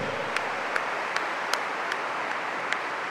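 A church audience applauds for Jesus Christ in a steady, dense wash of clapping, with sharper claps landing at a regular beat about twice a second. No one speaks.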